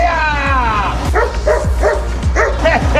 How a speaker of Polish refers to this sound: Trzeba było obezwładnić uzbrojonego i agresywnego pasażera pociągu. Do akcji wkroczyły policyjne psy. Taki był scenariusz ćwiczeń policji i służby ochrony kolei na dworcu Łódź Kaliska.